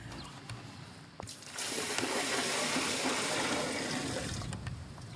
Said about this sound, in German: testet, ob das Wasser auch wirklich abfließt. Wenn da jetzt kein Wasser rauskommt, wäre auch ziemlich blöd.